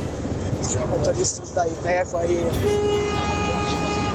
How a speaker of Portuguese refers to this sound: Vai aí, buzinou legal, beleza. Né? Não, é assim, gente, o pessoal faz o que pode, né? Eles buzinam, o povo faz o que pode, né? Eles acabam buzinando com a gente.